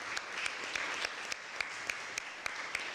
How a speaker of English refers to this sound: Can I have all of you stand and Prospective Teachers, can you give a round of applause?